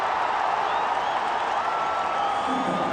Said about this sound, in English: And that gets the crowd going.